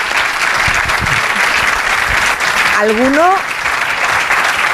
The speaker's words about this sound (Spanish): Oye, eso se merece un aplauso, sí. Por favor.